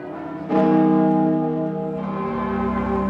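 Church bells in Paris and across France ring out for 7 minutes to mark the Pope's arrival, with a strong onset, their rich overlapping tones sustaining and humming, then a second bell strike layers in as the resonant peal continues without any voices.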